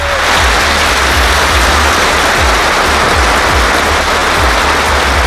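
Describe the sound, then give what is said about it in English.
Middlesbrough football fans hold a minute's applause in tribute to two police officers killed in a head-on collision, thousands of hands merging into a dense, unbroken roar of clapping that holds at an even loudness throughout, with no voices standing out. “Middlesbrough fans have held a minute's applause to pay tribute to 2 police officers killed in a head-on collision last weekend.”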